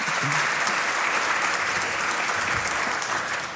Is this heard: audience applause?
yes